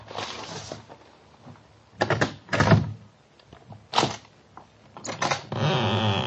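A letter is slid under the door of a flat with a soft papery scrape along the floor, then a series of sharp clicks from the door's many bolts and chains and a rattle as the door swings open, with no voices.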